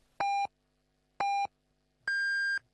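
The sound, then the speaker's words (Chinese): Radio time signal beeps marking 16:00 Beijing time: two short, evenly spaced pips at one pitch, then a longer, higher-pitched final tone. The beeps are clear, with nothing else around them. “现在是北京时间16点整， 下午4点，”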